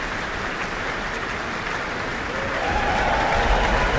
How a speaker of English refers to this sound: Hugh Dan, principal trumpeter, receives his applause with the rest of the trumpet section.